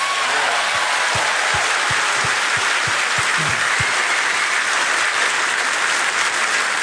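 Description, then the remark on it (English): The audience in a room applauds steadily for about seven seconds after hearing that the Tennessee House approved posting the Ten Commandments in public schools, a dense, loud wash of many hands clapping, with a few low rhythmic thumps in the first few seconds. No one speaks. “Which, by way of background, and I appreciate the fact that everybody in the room pretty much applauded.”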